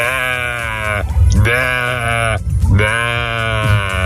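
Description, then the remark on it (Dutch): A man imitates a fish that thinks it is a sheep, bleating three long, wavering, nasal bleats in a row with short gaps between them, loud. “Dit is mijn imitatie van een vis die denkt dat hij een schaap is.”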